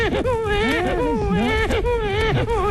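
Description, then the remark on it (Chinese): A person imitates a crying infant with continuous, wavering wails and whimpers that rise and fall in pitch, loud throughout, with no other voices or sounds. “哎，刚才在剧场的门前呢 啊， 我看见一位老大嫂， 嗯， 抱着个不满周岁的婴儿、嗯，这小孩哭，你也能学吗？”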